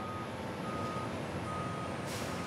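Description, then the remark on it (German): A port terminal tractor rumbles steadily while its reversing alarm sounds a high warning beep over the engine noise, with a brief hiss of air near the end, as it moves containers and tanks unloaded from a train onto a Stena Line ferry. No one speaks. “Die Muffi-Fahrer des Hafens bringen sie jetzt auf die Stena Line.”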